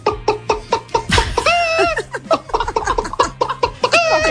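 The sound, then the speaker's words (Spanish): A person vocally imitates a hen, producing a rapid series of clucks with a drawn-out, squawking bawk in the middle, fairly loud, with no other talking. “A ver, esto no es una imitación, es digamos un repertorio de granja de 5 estrellas. Mira, empezamos por la gallina.”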